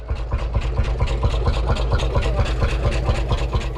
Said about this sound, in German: das ist doch ein Trecker. Ich glaube, das ist ein Lanz Bulldog. Das ist ein Einzylinder, deswegen dieses tuckernde Geräusch. Der kann aber auch ein bisschen schneller.